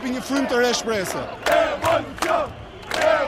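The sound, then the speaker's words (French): A loud protest crowd, with many families, massed on the boulevards of the capital chants and shouts, many voices overlapping in rhythmic bursts that rise and fall roughly twice a second, with raised, strained tones throughout. “Dans la foule qui se masse sur les boulevards de la capitale, les familles sont de plus en plus nombreuses.”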